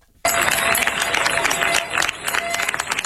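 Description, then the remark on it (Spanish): Residents of Niebla, Spain, burst into sustained applause for departing Military Emergencies Unit troops after 10 days fighting a wildfire, after a brief silence: dense clapping with scattered cheers and voices mixed in, steady and fairly loud throughout. “Así han despedido entre aplausos los vecinos de Niebla los efectivos de la Unidad Militar de Emergencias, que han comenzado su repliegue después de 10 días de lucha contra un incendio que ha recorrido más de 38.000 hectáreas.”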